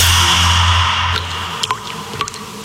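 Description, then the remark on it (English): A handful of water drops from a leak in a bathroom plink one after another at an uneven pace, each a short, bright splash, after a steady hiss and low hum that fade as the dripping begins. “That drip in your bathroom?”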